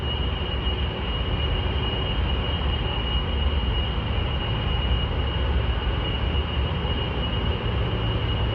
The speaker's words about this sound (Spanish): Es el zumbido incesante día y noche de los sistemas de refrigeración de un complejo del norte de Virginia, estado por donde circula casi un tercio del tráfico mundial de Internet.